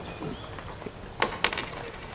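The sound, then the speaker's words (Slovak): A single gold coin, given as payment, drops onto a hard surface with a bright metallic clink, bounces once, and rings briefly before fading. “Čo to? Len jedna minca?”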